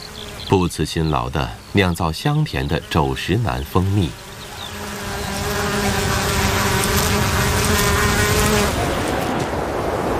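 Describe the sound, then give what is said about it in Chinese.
A voice talks for the first few seconds, then a steady swell of honeybees buzzing takes over as they forage for pollen and nectar in warm sunshine among pink-purple heather on Scottish moorland: a dense, continuous drone with a low hum that grows slightly louder and holds to the end. “这里是蜜蜂的乐园，温暖的阳光下，蜜蜂们正在争分夺秒地采集花粉与花蜜。”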